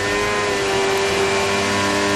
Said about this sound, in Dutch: Colapinto? Ja, Franco. Colapinto. Auto loopt nog. Hij probeert hem te draaien, denk ik. Hij denkt dat hij achteruit zoekt. Neutraal 1, hij heeft hem.